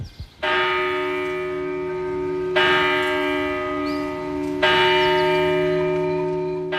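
A church bell of the Church of St. Calixtus in Brienz, in the Albula valley of Graubünden, Switzerland, strikes three slow, evenly spaced times on a cold, foggy October morning. Each stroke rings out with long, shimmering overtones that blend into the next. Loud and clear, with no voices.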